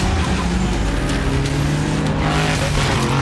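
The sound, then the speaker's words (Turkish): Racing cars roar past at speed, a dense, loud engine drone with harmonic whine and brief tire squeals, continuous for a few seconds with no talking. “Bunlar nasıl arabalar?”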